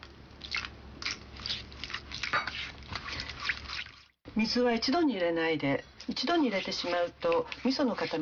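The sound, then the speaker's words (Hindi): A wooden spoon stirs a thick, wet mix of miso paste, sugar and water in a small pot, breaking up lumps to make miso sauce, with soft squelching and scraping strokes for a few seconds, then a person starts talking. “लकड़ी के चम्मच का इस्तेमाल करके ढेले तोड़ते हुए मिलाते जाइए और एकदम मुलायम मिश्रण बना लीजिए।”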